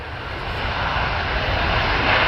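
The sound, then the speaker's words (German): An Airbus A350-1000 ULR (Ultra Long Range) airliner landing, heard outdoors as a steady, broad jet roar with a deep rumble underneath, swelling slightly louder over about two seconds. No voices. “Ja, wenn der Flieger endlich landet, hier von draußen belauscht.”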